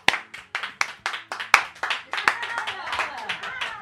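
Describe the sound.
One person claps hands in a steady, brisk rhythm, a dozen or so sharp claps, while a voice starts talking underneath toward the end.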